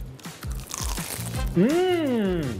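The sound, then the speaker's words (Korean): A series of crisp crunches as a mini sandwich with a crispy outside is bitten and chewed, followed by a voice making a rising and falling sound of delight. “겉면 바삭바삭하고.”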